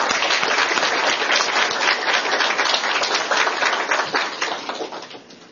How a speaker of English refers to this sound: Well, I really appreciate everybody's attention on this, and I thanks for the expertise of our experts. If you could give them a round of applause, that'd be great.